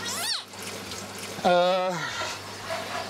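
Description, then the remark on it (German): Steady sloshing and trickling of lukewarm water as a plant is briefly dipped and rinsed in a basin to keep duckweed off it, with a voice briefly sounding over it. “Ich habe hier lauwarmes Wasser gemacht. Und da baden wir die mal ganz kurz drin.”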